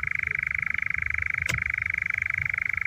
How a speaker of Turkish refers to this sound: Yaz geceleri yürüyüş yapanlara doğal alanlarda çoban aldatanlar konusunda bilgilendirmiş olduk. Umarım hem sesleriyle hem de böyle aniden karşılarına çıkan bu ilginç kuş neydi sorusuyla çoban aldatanla tanışma fırsatı bulurlar.